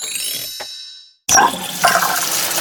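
A metallic clank rings out and fades with a second small knock as a faucet is being repaired, then after a brief pause water gushes loudly and steadily.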